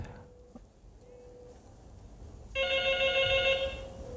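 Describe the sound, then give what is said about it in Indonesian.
A telephone rings for an incoming listener call to an RRI radio programme, a bright electronic trill that starts about halfway through and sounds steadily and fairly loud to the end, preceded by faint tones and low background hum. “Kita coba sapa dulu nih, ada yang bergabung dari telepon ya.”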